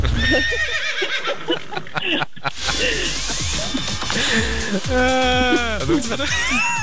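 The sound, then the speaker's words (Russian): Someone imitates a horse's neigh with a shaky, whinnying voice, rising and falling in quavering bursts that sound a bit like laughter, loud, with other voices chattering underneath. “У тебя такая смеющаяся лошадка получилась.”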